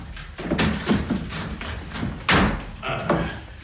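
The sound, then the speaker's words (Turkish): Repeated heavy thuds land at an irregular rhythm, a fist banging on a door, fairly loud, with a low rumbling background and faint voices in between. “Murat, öldünüz mü yahu? Açın kapıyı!”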